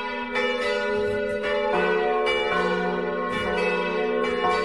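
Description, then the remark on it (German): Four bells of a Catholic church in Vordertal peal together in a dense, continuous wash of overlapping strikes, their rich ringing tones layering and sustaining without pause, fairly loud with no voices present. The oldest bell dates from 1786 and was cast in Zug. “Läuten vier Glocken der katholischen Kirche.”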